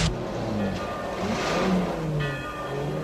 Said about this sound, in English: The guard's car pulls onto the road.